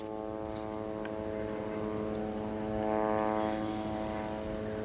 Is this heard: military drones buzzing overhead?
yes